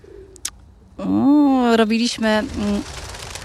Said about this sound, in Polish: Gołębie nas, że tak powiem, powitały i cały czas tu nam wtórują.